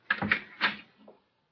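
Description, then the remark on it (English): A door is opened: a quick latch clunk, a scraping creak, then a softer knock as it settles, all within about a second and with no voices. “Open the door. We'll wake her.”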